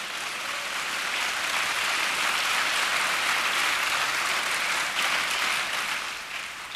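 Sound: audience applauding loudly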